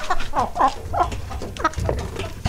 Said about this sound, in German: Und Sie müssen jetzt anhand des Gackerns heraus hören, welches Huhn so stolz gackert, weil es diesen Preis eben bekommen hat. So, hier haben wir Huhn Nummer 1.